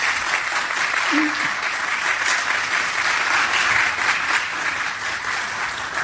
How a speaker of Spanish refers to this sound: Les pido un pequeño aplauso a nuestro panel.